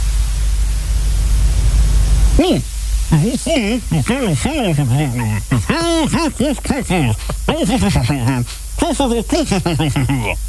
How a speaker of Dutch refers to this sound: Dus ik heb hier zo'n apparaat staan. Het zou dus al het geluid wat je niet wil horen wegfilteren. En dat dus vervangen door ruis. Ja, maar echt alles. Alles waar je een hekel aan hebt, dat haalt hij weg.